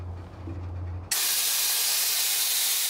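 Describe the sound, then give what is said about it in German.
A low steady rumble gives way abruptly to a loud, sustained hiss of air being let out of a freight train's brakes so the train cannot roll away, continuous to the end. “Erkzim lässt Luft aus den Bremsen. So kann der Güterzug nicht wegrollen.”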